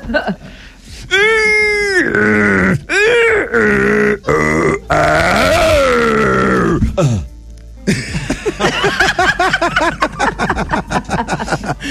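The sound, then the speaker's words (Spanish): A voice mimics the strained grunting of someone pooping: loud, drawn-out moans and groans that rise and waver in pitch, ending in a run of choppy, rapid effortful bursts. “¿Listo, pollito, para hacerle el sonido?”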